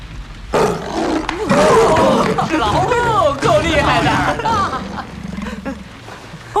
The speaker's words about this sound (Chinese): 这就是大象。